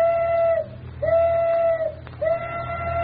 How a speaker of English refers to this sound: but arrangements went ahead, and at 12:05 on the crowded and noisy waterfront, the tugboat Elsie whistled that she was ready for her part of the experiment.